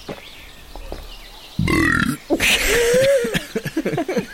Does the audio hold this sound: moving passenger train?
no